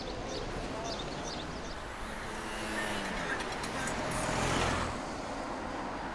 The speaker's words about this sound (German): Ich habe lange nach so einem Auto gesucht. Ich wollte eins mit originalem V8-Motor. Wie der klingt. Ich bin ganz verliebt. Ich nenne ihn El Ronco, den Schnarcher. Mein kleiner Schnarcher.